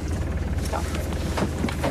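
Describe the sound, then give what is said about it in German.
A boat engine idles before casting off, a steady low throbbing rumble that holds evenly throughout, with a few faint knocks and clatters on top. “So, der Motor ist schon mal an.”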